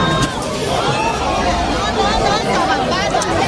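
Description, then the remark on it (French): A dense, agitated crowd surges forward at the 8 a.m. opening of the brand's largest store in Nanterre, near Paris, spilling onto the road and breaking down the glass entrance doors; many voices shout and overlap in a loud, continuous roar of commotion with no pauses over the few seconds. “Dès 8h à l'ouverture, la foule qui déborde sur la chaussée se précipite et enfonce littéralement les portes vitrées qui terminent au sol.”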